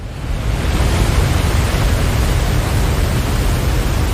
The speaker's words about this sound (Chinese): 如今，河流和瀑布解冻的时间越发难以预测，冰雪消融后水流奔腾而下的景象无比壮观，足以震撼人心。大量冰雪融水开启了奔赴大海的漫漫旅途。